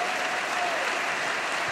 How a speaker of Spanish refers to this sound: Dale sobre tu cabeza aplausos.